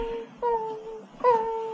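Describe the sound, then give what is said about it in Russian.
An animal howls in two drawn-out, mournful wails, each starting abruptly and sliding slightly downward in pitch, with a brief dip between them. The tone is clear and sustained, with no talking. “Почему он все время воет?”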